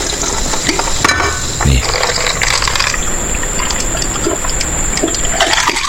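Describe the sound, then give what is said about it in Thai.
A drink is poured from a newly opened bottle into a glass, a steady splashing, bubbling gush of liquid that runs continuously for several seconds, with a brief faint voice near the start. “เมื่อกี้มีพี่สนนะฮะส่ง1แก้วน้องของเราอ่ะมาขอ1ก้อนอีก1แก้วบอกว่าอุตส่าห์เปิดแก้วใหม่เอาปลดขวดใหม่เลยนะนี่อุตส่าห์เปิดขวดใหม่เลยนะ”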